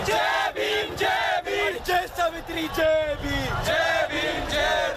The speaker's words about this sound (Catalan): I aquests crits de protesta ens arriben de l'Índia.